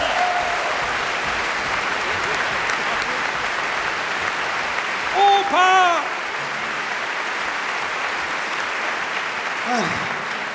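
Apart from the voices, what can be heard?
audience applause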